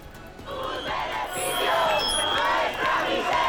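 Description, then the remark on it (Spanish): A large protest crowd outside the Congress, the lower house, shouts and chants together just after the first decree was rejected, crying 'their profits, our misery'; a dense, steady roar of many raised voices that holds loud for the whole stretch, with occasional higher cries rising above it. “Y esta era la reacción en el exterior del Congreso justo después de quedar rechazado el primer decreto.”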